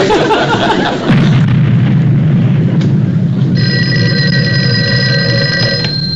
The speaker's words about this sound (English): Every time a blast goes off, she calls asking if it's Yankee cannons coming down the road.